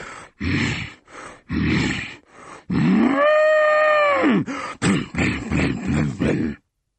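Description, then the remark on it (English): A voice imitates an angry bull: a run of rough, snorting grunts, then one long, loud, drawn-out bellow, followed by more choppy grunts, without any talk. “When the hungry sheep is full, I charge about like an angry bull.”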